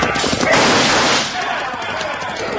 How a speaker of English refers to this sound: Duck for cover, folks. You're shooting up the town. We'll put a stop to that.